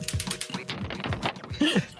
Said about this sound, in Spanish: Tiramos de nuevo dados. Lo que da de sí el juego de la oca, ¿eh?